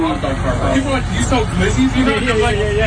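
A busy food truck making and delivering empanadas in Denver, Colorado: steady overlapping customer chatter and murmuring voices over a continuous low engine or generator rumble, with no clear words standing out.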